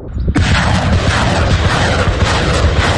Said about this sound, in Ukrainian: Ці ракети «Граду» летять на 40 кілометрів, і для ворогів завжди сюрприз.